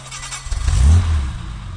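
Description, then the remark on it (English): The engine of a 1960s E-Type Jaguar sports car, driven along the Basse Corniche on the French Riviera, rumbles and swells into a deep, throaty roar that peaks and then settles back to a steady low growl, with no voices. “The deep, throaty roar.”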